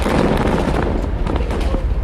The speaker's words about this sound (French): Les images de l'explosion de Ali Taher ont très vite été diffusées par l'armée israélienne qui affirme avoir utilisé 1100 tonnes d'explosifs.